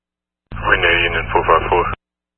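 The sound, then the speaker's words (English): A burst of crackly radio static carrying a garbled, unintelligible voice switches on abruptly, runs about a second and a half at a steady level, then cuts off sharply. “Last unit, all static.”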